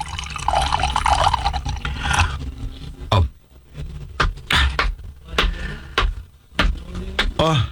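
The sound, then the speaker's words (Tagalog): Water pours steadily into a glass for about two seconds, followed by a series of short knocks, clinks and handling noises. “Kay makuha ko sa tubig sa lamisa.”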